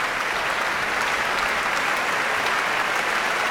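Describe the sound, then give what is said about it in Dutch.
Steady, dense applause from a large audience for an orchestra, as conductor Emilia Holving points out orchestra members with solos or important parts, including four percussionists, for their own applause; clapping continues at an even, fairly loud level throughout, with no voices standing out. “En dat is omdat Emilia Holving verschillende orkestleden aanwijst die in dit werk een solo of een belangrijke partij, een reden voor een eigen applaus hebben.”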